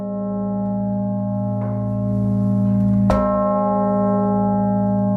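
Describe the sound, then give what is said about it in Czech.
The bishop's bell in the northern tower of the Cathedral of Saints Peter and Paul in Brno, dating from 1852, weighing nearly 4,000 kilograms, 187 centimeters across and tuned to A flat zero, rings with a deep, sustained humming tone, struck twice with a fresh clang about halfway through, loud, its rich overtones lingering. “people will also be able to hear the bishop's bell from the northern tower of the Cathedral of Saints Peter and Paul”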